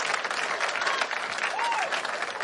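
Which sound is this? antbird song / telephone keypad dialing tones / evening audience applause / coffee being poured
evening audience applause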